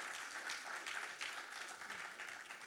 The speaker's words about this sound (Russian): Дорогие друзья, благодарим вас за аплодисменты. Они очень нужны нашим юным артистам.